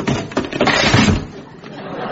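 An old wooden chair cracks and collapses in a burst of splintering and clattering, loud, with the noise tapering into a few settling knocks.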